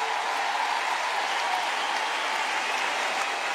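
Steady, dense applause from an audience, a continuous wash of many hands clapping at an even level for several seconds, with no voices rising above it.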